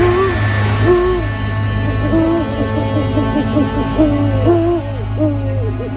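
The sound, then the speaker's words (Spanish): A series of owl hoots repeats steadily, with wavering, tonal calls over a low, constant hum in the background. “Los cuervos, emisarios de muerte, pero hay más, búhos, lechuzas.”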